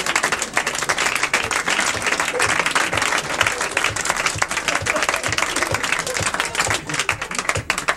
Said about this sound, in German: Jetzt klatscht er doch.